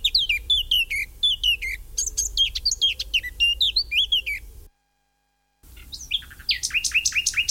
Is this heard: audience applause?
no